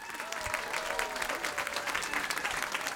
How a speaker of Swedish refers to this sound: Och tack också och applåder till våra andra finalister